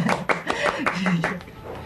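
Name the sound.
hand clapping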